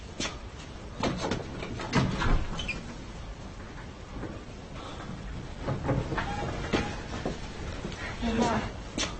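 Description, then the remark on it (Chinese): A door is opened with a few wooden clunks and rattles spread over several seconds, against a busy background with faint murmuring voices. “我去开门。”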